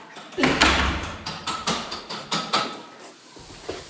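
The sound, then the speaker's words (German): A door is pushed shut with a heavy thud, followed by a quick series of knocking clunks and rattles as it settles into the frame, fairly loud, with no talking. “Macht an die Tür zu.”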